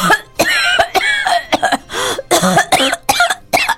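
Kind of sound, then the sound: human body sound, cough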